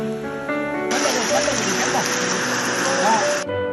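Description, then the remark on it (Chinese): A loud, steady roar of heavy rain and the rushing floodwater of a rapidly rising river surges in abruptly and holds for a few seconds before cutting off, with a faint tonal background underneath. “暴雨如注，河水猛涨。”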